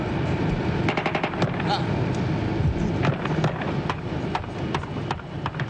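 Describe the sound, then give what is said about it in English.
Bursts of rapid gunfire from a gun battle at an air base, starting as guerrillas walked back from inspecting a jet: sharp cracks in quick volleys and scattered single shots, over a constant low rumble with indistinct voices underneath. “And as they walked back, the firing started.”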